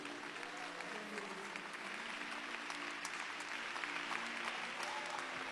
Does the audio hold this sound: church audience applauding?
yes